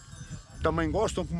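A sheep from a shepherd's flock lets out a drawn-out, wavering bleat that breaks in pitch partway through, rising out of a quiet low rumble and ending with a short second cry.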